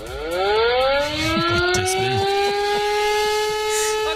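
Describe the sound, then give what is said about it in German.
An alarm clock rings with a loud, sustained siren-like tone, like a warning siren, rising slightly in pitch and holding steady, with muffled voices faintly underneath. “er hat vergessen, seinen Wecker auszustellen, weil der klingelt so.”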